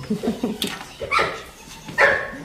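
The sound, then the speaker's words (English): A dog gives two sharp, high barks about a second apart, fairly loud, with a brief murmur of voices just before the first one. This is at Parcul Vacant Hermes, a hotel and ranch complex in Romania whose stables hold ponies, a horse and puppies. “The stables are filled with ponies, a horse, and puppies.”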